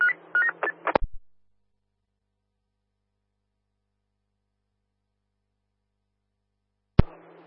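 A quick run of about half a dozen short, bright telephone DTMF dialing tones, calling the CSA EQ phone, ending in a sharp click, then a long silence before another click and a low hum.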